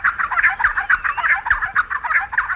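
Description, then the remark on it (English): Loud, raucous giant wren calls chatter in a rapid, continuous stream of harsh notes, with a faint steady high-pitched hum in the background. “Far from shy, they call raucously as they chase one another through open woodlands.”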